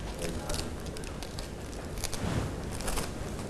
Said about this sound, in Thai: แบบนี้นะคะเด็กๆค่อยๆใช้มือขยำกระดาษของเราแบบนี้ค่ะและเมื่อเด็กๆขยำเสร็จแล้วให้เด็กๆนำมาใส่ไว้ในตะกร้าค่ะ